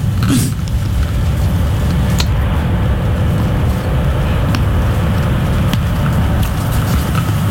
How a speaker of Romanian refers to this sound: E plin de salvări, pompieri zmurduri. Uite, sunt două autospeciale zmur care vin pe lângă noi. Ne dau târcoale.